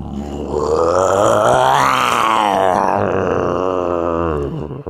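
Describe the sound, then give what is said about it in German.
A man imitates a lion's roar with one long, loud, rough growl that rises in pitch around the middle and then sinks back down, lasting nearly five seconds. “Kannst du einen Löwen nachmachen? Ich kann's mal versuchen.”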